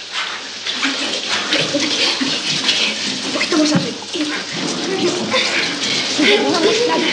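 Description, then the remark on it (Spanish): Shower water runs steadily onto a person's face, a dense hissing spray that stays loud for the whole stretch, with a faint voice murmuring now and then beneath the stream. “El agua le cae en la cara.”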